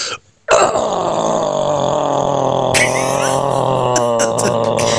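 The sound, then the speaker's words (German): A person performs a guttural, metal-style vocal growl: one long, loud, raspy roar held for several seconds after a brief pause, turning harsher and more strained toward the end. The growl is performed to win a visit to a a band concert. “Mein Grollen geht so.”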